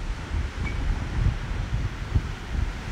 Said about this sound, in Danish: Altså lige nu er jeg måske et meget, meget kedeligt sted, fordi at jeg står på en lille vej, godt nok i stiv kugling, hvor det blæser voldsomt.